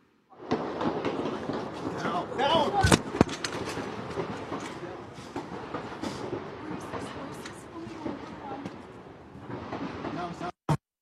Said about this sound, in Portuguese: imagens divulgadas pela rede americana ABC News mostraram uma repórter se abaixando para se proteger enquanto tiros eram disparados nas proximidades da Casa Branca em Washington.